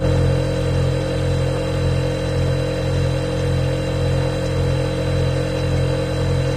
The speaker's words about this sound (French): Le réfrigérateur. Et aujourd'hui, on va même vous parler du réfrigérateur américain ou frigo américain. Vous savez, le réfrigérateur américain, c'est énorme. D'un côté, vous avez un frigo. À côté, vous avez un gros congélateur.